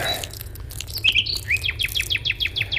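A thrush sings: a few bright whistled phrases, then a quick, even series of about nine repeated chirping notes, set against a low, steady background rumble with no voices.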